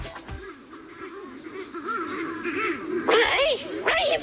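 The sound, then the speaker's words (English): A flock of mutton birds, out through an open gate and all over the road, calling with harsh, honking cries that overlap and rise and fall continuously, growing louder toward the end. No one speaks. “All the bloody mutton birds have gotten out. They're all over the road.”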